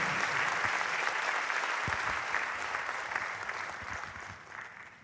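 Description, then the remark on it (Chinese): A steady wash of applause from many hands clapping at once, dense and sustained for the whole stretch, easing slightly toward the end with no voices over it. “好，谢谢，来无人表拍手哦。”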